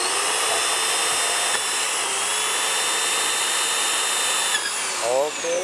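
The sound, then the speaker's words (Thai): A power drill, pressed down hard, whines steadily as it bores a hole, loud, holding a constant pitch for about four seconds before the motor winds down with a falling tone. “ใช้แรงกดมาก ใช้แรงนิดนึงอันนี้การตำแหน่งที่การเจาะรูเนี่ยครับบางทีเนี่ยอาจจะต้องเป็นผู้ใหญ่นะครับหรือว่าคนที่มีแรงพอสมควรในการเจาะ”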